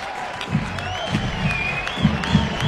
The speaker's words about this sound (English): Crowd fired up, dugout excited as well.